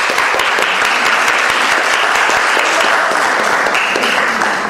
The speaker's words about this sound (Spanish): A todos ellos, muchas, muchas gracias. Un aplauso.